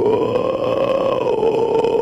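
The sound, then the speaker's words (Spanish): A voice imitates a black howler monkey call: one loud, sustained guttural roar held at a steady low pitch for about two seconds, with no talking over it. “Hacen ese ruido los monos carayá.”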